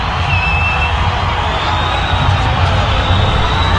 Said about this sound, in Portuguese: Agora os jogadores entrando, é que a torcida já começa com som, hein? Vou deixar o microfone aqui para vocês ouvirem.